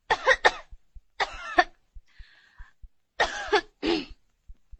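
Several sharp coughs in short bursts, separated by pauses, as a patient coughs again on request while a physician examines them by listening to their back; faint low thumps tick steadily in the background and a brief soft hiss comes in the middle.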